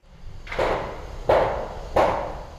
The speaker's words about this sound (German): Der Kran schwenkt über den Rohbau. Betongerüste, Baulärm. Die Wasserstadt Limmer im Nordwesten Hannovers ist ein neues Quartier auf dem früheren Kontinentalgelände.